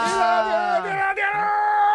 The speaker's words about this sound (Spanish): Vaya, menudo grito que me ha pegado. Realmente a mí me ha dejado descolocado.